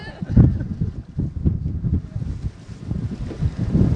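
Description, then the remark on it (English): Strong wind buffets the microphone in a steady low rumble with uneven gusts over an open boat on choppy water, with waves slapping. “You can see it's quite windy. We got some waves”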